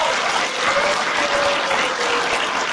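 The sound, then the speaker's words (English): A church audience claps together in answer to a question about wanting more favor and blessing from God, in a steady, dense wash of applause that holds an even loudness throughout, with no speech breaking through. “I'll just ask you by your applause, how many here would want to experience more favor and blessing in this church from God?”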